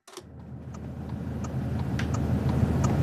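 A car engine drones steadily, a low rumbling hum that gradually grows louder, with a few faint rattles and clicks ticking over it, as municipal worker Adriano Petterelli drives in Savognin, Grisons. No voices.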